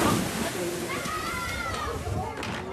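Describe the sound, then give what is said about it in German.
A busy lakeside beach bathing area with a beach, sunbathing lawns and a large aqua park, with children shouting and playing, chatter, and water splashing and sloshing throughout, a steady lively crowd noise. “Es ist ein wunderschönes Strandbad. Es gibt einen Strand, es gibt Liegewiesen, es gibt einen großen Aquapark.”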